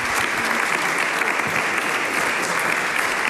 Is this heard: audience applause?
yes